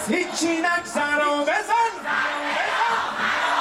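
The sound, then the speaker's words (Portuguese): A large crowd of protesters in Tehran, Iran, on a Sunday night shouts in unison with loud, rhythmic chanting voices, calling for the Revolutionary Guard to bomb Israel, then the sound swells into a broad, sustained roar of many people yelling together. “Aos gritos, os manifestantes pediram que a Guarda Revolucionária bombardeie o território de Israel.”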